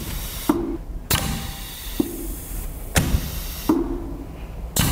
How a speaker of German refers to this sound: Hier hört man so ein Ventil klappern, wie es Luft durchlässt.